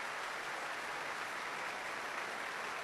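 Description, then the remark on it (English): A large concert audience keeps up loud, sustained applause for a soloist and orchestra, with feet stamping on the floor, a dense steady roar of clapping that never lets up, with no voices standing out above it. “The applause continues, the stamping of the feet on the floor.”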